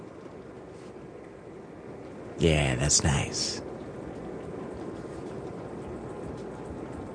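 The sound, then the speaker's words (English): Steady rain hisses throughout as a soft, even wash of noise, with a brief spoken remark cutting in near the middle before the rainfall continues unchanged. “Ooh, can you hear the rain in the background?”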